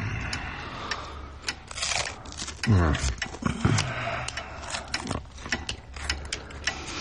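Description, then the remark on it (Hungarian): Small metallic clicks, scrapes and ratcheting rattles of someone repairing a lighter mechanism, irregular, with a brief low vocal murmur partway through. “egy öngyújtót javítgat.”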